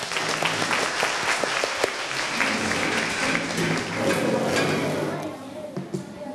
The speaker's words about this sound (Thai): กลุ่มที่4ยกมืออ่ะเชิญเลยกลุ่มที่4ขอเสียงปรบมือได้เลยครับ